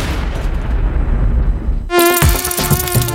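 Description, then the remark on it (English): A loud mosquito buzz, a steady high-pitched whine, starts abruptly partway through, right after a deep rumbling noise. No one speaks. “Get rid of mosquitoes, roaches, and other household pests with Bop”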